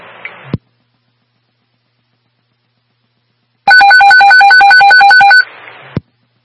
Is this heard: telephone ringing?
yes